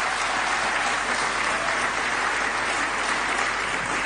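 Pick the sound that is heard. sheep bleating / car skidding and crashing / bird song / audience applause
audience applause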